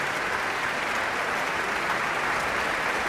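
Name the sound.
concert hall applause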